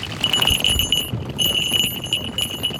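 Small bells on the leg of a Harris's hawk from Mexico jingle rapidly in a bright, high-pitched shimmer, pausing briefly midway, over soft rustling and low thumps of movement, at a hotel park in Zelena Laguna.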